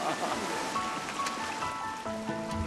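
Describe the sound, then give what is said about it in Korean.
Kungkung Falls, a hidden waterfall on Jirisan mountain named for the pounding sound of its water, crashes down in a steady, dense roar of rushing water, loud and continuous throughout, with a faint voice briefly audible beneath it toward the end. “세차게 떨어지는 물소리가 쿵쿵쿵, 자연의 소리대로 이름 붙은 쿵쿵폭포도 그중 하나입니다.”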